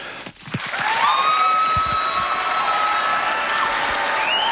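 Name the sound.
big round of applause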